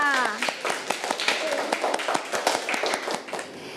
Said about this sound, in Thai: ปรบมือให้กับกลุ่มที่สองค่ะ